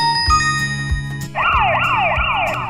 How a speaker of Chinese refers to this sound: 为什么从身边呼啸而过的救护车、警车的笛声在靠近和远离我们的时候听起来音调不一样？ 这是因为多普勒效应，当波源与观察者之间存在相对运动时，观察者观测到的频率会发生变化。